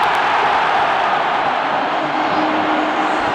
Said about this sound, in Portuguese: O grito da torcida veio, mas o impedimento foi pego do Flaco Lopes.